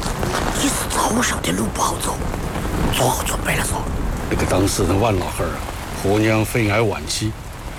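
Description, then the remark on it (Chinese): Steady rain hisses throughout, a dense, even patter that stays loud from start to finish while several people talk over it in raised voices. “是，我在半山腰等你们，手机没得信号，我一看下雨了，怕你们不好走，就下来接你们了。”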